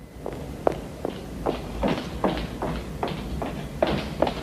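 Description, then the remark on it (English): Brisk footsteps of a woman putting on her coat stride along a hard corridor floor at a quick, steady pace, each heel strike sharp, with a faint rustle of fabric between steps. “She walks down the corridor briskly, putting on her coat.”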